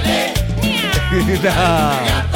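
cat meowing

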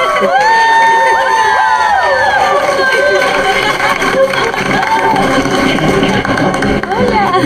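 crowd applause and cheering

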